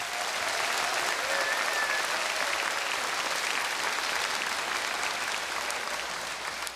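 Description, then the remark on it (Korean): A sustained burst of audience applause for the sponsors and teachers, many hands clapping in a dense, even roar that stays loud throughout and eases slightly at the end, with no voices on top. “여러분들이 젖먹었던 힘이 있다고 한다면 그분들을 위해서 뜨거운 박수 한번 부탁드리겠습니다.”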